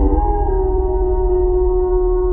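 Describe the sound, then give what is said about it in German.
A single long wolf howl rises briefly at the start, then holds a steady, tonal, mournful pitch for about two seconds over a low rumbling background. “Ein Laut aus einer anderen Zeit. Unverwechselbar. Der Wolf.”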